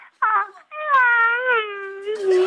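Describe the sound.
A person, asked for an animal sound other than a cat, imitates a bright little puppy's whimper: a short high whine, then a long wavering, drawn-out squeal that slides slowly downward, fairly loud, ending in a breathy burst.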